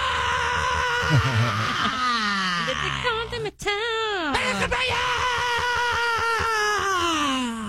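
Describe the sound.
A voice imitates a heavy metal guitar riff, for a heavy metal style Las Mañanitas birthday song, with loud, gritty, buzzing vocal tones that bend and slide in pitch, running almost continuously apart from a brief break midway.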